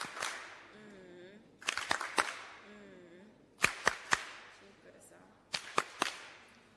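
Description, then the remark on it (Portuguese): An audience at a meeting of provincial delegations in Maputo claps warmly after a delegate's speech, in a rhythmic pattern, three bursts of sharp, loud claps spaced a second or two apart, while faint voices murmur underneath. “Palmas carinhosas.”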